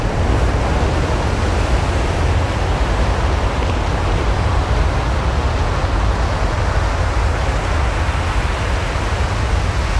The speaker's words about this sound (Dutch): 145 miljoen jaar geleden drijven Noord-Amerika en Europa steeds verder uit elkaar. De Atlantische Oceaan wordt groter. Dit gaat gepaard met hevige aardbevingen.